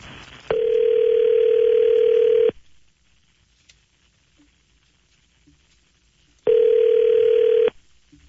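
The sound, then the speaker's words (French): A steady telephone line tone sounds while a call is being placed: two loud, even buzzing bursts, the first about two seconds long, separated by a long quiet gap. “Fait que on est prêt à essayer d'appeler?”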